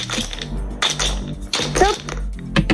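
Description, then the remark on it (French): Dice are thrown for a board game played on the radio station Ici Besançon, tumbling and clattering across a hard surface in a few quick rattling bursts of sharp clicks and knocks, over a steady low hum. “Vous me dites top départ, je lance les dés pour vous.”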